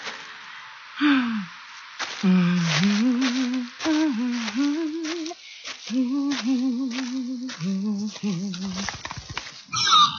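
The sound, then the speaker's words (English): A pig charges at a person walking home from school, letting out a long run of wavering, nasal squeals and grunts that rise and fall without pause, ending in a brief rough scuffle. “No, the pig. Not again. Oh, it charges me every time I walk home from school.”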